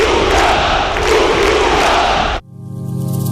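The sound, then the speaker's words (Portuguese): A large crowd shouts and roars for Portugal, loudly in a dense, continuous wall of voices for about two seconds, then cuts off abruptly into a sustained, softer musical tone. “Vamos todos gritar por Portugal e acreditar até ao fim, rumo à vitória.”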